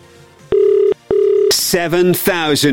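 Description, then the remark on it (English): Two steady electronic tones from a telephone being dialed sound loud, each about half a second long with a short gap between them, followed immediately by a person starting to talk. “Time to make that phone call.”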